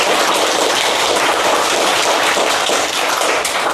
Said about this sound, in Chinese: 将掌声送给飞飞队的小组。